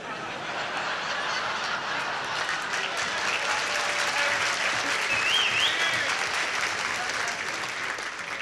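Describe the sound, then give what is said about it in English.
Sustained audience applause, a dense, steady wash of clapping that holds at an even loudness for several seconds, with a few faint chuckles mixed in. “I'm not too sure whether you applauded for Dean or we should stone some more embassies.”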